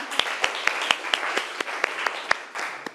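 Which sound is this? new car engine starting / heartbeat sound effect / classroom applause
classroom applause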